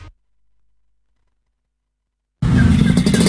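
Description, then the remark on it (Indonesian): After more than two seconds of silence, a freshly tuned-up motorcycle engine suddenly roars to life, loud, with a rough, throbbing rumble that continues to the end. “Ini motor udah sip bener ini. Habis ditune up.”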